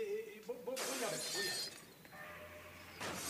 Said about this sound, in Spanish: Mesa derribada, jarrón roto. Nada más.